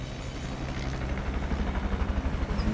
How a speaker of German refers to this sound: So, jetzt ist er da. Der Heli. Hörbar zumindest, der Heli. Seht ihr ihn? Ja, er fliegt gerade hier direkt auf uns zu, über die Wälder.